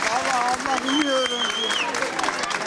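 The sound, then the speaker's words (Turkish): Families applaud students as they come out of an exam lasting two hours and 45 minutes, a steady wash of clapping mixed with raised voices and a few higher-pitched calls over the crowd. “İki saat 45 dakika süren sınavın sonunda aileleri öğrencileri alkışlarla karşıladı.”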